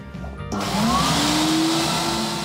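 A vinyl record washing machine at Woanders, a place where records are played, bought, swapped and washed, switches on abruptly after a brief low hum, then runs with a loud, steady whirring motor roar and a faint rising whine. No one speaks.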